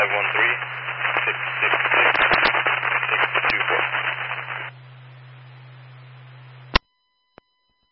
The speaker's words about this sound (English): A lot of static